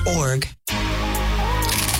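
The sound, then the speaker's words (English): A brief burst of voice, a sudden silence, then a dense, crackly crunching of someone biting into a crisp pita bowl from the restaurant Pita or Bowl, continuing steadily with a faint voice-like tone underneath. “Do you hear that crunch? That's a pita or bowl crunch, my friend.”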